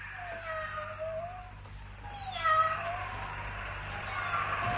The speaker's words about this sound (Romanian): Cine miorle? Pisica, nene.